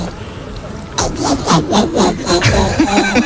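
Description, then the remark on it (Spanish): A woman on Basque regional television (ETV) imitates a frog, making a string of raspy, rhythmic croaks after a second of near quiet. The throaty pulses repeat steadily about five or six times. “Una rana.”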